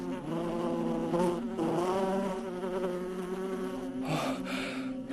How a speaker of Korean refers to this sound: 조심해, 벌이야.